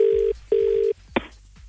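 A phone call to a real estate agent connecting: two steady, even electronic line tones in quick succession, then a sharp click as the line is picked up. Clear, with no voices.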